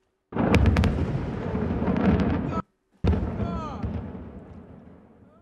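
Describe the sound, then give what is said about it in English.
A massive explosion at a fireworks factory in Naxar, Malta roars with a rumbling blast full of crackling pops, cuts off abruptly, then a second heavy boom follows and slowly rolls away. “Now, an explosion has occurred at a fireworks factory in Naxar in Malta.”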